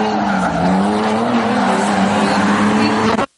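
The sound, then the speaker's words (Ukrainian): A drift-taxi sports car's engine roars steadily at high revs while tires squeal in a sustained, rising-and-falling screech as it drifts on a specially prepared site, loud throughout, then cuts off abruptly near the end. “Потужний заряд адреналіну, круті віражі та рев моторів.”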